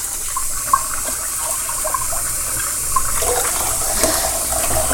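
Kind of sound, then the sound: household object, cold water running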